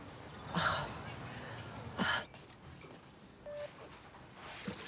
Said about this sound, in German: Mama, Oma hustet total. Ich glaube, wir müssen hinfahren.